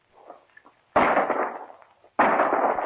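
Two loud shotgun blasts, fired at a bird in the woods, go off a little over a second apart, each a sharp crack followed by a long, rumbling decay, after faint murmuring sounds.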